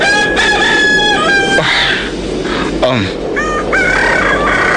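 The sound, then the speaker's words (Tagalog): Several roosters crow at dawn in overlapping, drawn-out calls, one after another, over a steady low background hum, some calls louder than others. “Babatian ko na ang pagpanukturok sa mga manok.”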